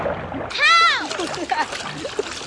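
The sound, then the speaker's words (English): A sudden splash as someone falls off a log into a creek, with a sharp rising-and-falling cry over it, followed by a couple of seconds of lighter splashing and sloshing. “Just like a wide-mouthed bass flapping around in the water.”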